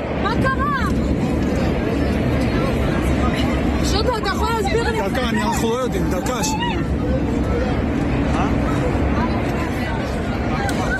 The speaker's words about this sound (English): Well, the panic on board could be heard in videos filmed by passengers.